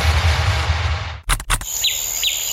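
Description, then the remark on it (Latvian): Outdoor ambience in a meadow with a broad rushing hiss, then a few quick thumps, followed by a couple of short birdsong chirps over a thin high whistle-like tone in an open, quiet setting. “Te, kur mēs dzīvojam, ir pļava un putni dzied.”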